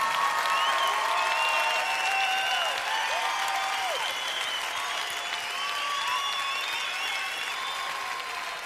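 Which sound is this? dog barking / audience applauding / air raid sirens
audience applauding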